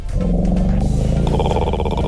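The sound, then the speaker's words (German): Elephants rumbling: a loud, continuous deep rumble with a throaty, vibrating growl, rising into a brighter layered call toward the end, with no talking. “Hier, so brummen die Elefanten.”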